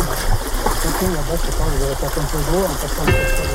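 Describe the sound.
Steady rush of fast-flowing river water surrounds someone in tall boots wading across a river while fishing, the broad churning noise constant while a person talks over it.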